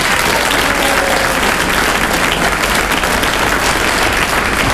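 Sustained audience applause for a man who has just read his text over the telephone, a dense, steady wash of many hands clapping at a loud, even level for several seconds with no voices standing out.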